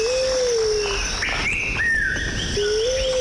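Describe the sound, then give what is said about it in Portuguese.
Birds chirp and sing outdoors, with clear whistled calls rising and sliding over one another against a steady, high-pitched chorus of insects. No one speaks. “Estamos de regresso depois de uma semana em que o movimento ficou parado e voltamos para, mais daqui a pouco, observar pássaros.”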